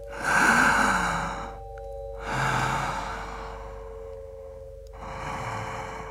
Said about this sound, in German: Hast du dich schon mal gefragt, wieso wir das tun? Luft einsaugen und wieder auspusten. Eigentlich voll krass, Mann.